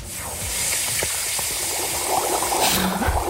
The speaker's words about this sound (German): Soll ich mal zeigen, wie das gestern klang, als ich meine Füße ins Wasser getan habe?